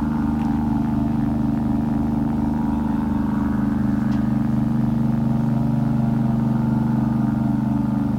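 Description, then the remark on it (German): Steady street traffic noise from cars on Veteranen street, a continuous low engine rumble and hum at an even level throughout, without clear individual cars swelling past and no voices. “Der Wind im Laub. Die Autos auf der Veteranen.”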